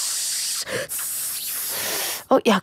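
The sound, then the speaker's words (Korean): A steady, crackly hiss like chicken frying in oil, made by comedian Hong Yun-a imitating the sound with her mouth, with a brief break early on and two short bursts of hiss at the end. “치킨 튀기는 소리가 약간”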